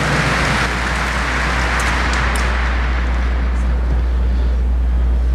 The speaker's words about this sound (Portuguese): Uma salva de palmas para a palavra de Deus.